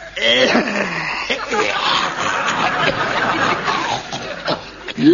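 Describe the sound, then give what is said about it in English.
A loud, theatrical hacking cough that rasps and wheezes almost continuously for several seconds, with throaty voiced bursts at the start and a sharp final hack. “And that's a cough.”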